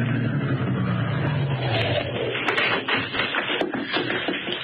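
A big limousine drives up to the only entrance of the Greystone Estate in June of '22 and comes to a stop, its low engine rumble winding down over the first couple of seconds, followed by scattered crunching and tapping noises. No one speaks.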